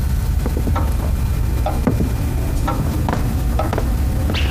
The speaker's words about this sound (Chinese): 哎，你也去吧，火上的锅我看着，还有时间。